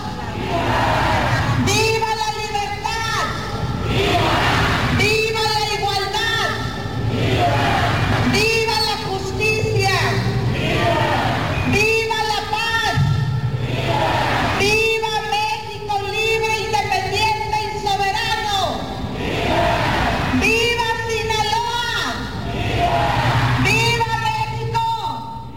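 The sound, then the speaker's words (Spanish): A loud amplified voice repeatedly shouts vivas at a Mexican Independence Day grito ceremony in Culiacán, Sinaloa, each answered by a large crowd roaring back together, in a steady call-and-response rhythm that repeats about seven times. “después se hizo el acto simbólico del grito y se entonó el himno nacional mexicano.”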